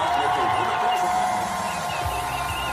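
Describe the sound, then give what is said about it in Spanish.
Hundreds of people in Ceuta cheer and shout outdoors in front of a big screen at the start of a TV interview on Antena 3's El Hormiguero with city president Juan Vivas, a dense, sustained wash of many voices at steady volume throughout, with no single speaker standing out. “Así vitoreaban el inicio de la entrevista en Antena 3.”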